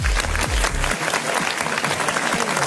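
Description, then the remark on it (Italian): Dense audience applause for Massimiliano De Pasquale at the close of the Club Connection party time on the Studio Q dance station, a steady wash of clapping hands at a fairly loud level, with a low thumping beat underneath for the first second before fading out. “Facciamo un applauso a Massimiliano De Pasquale”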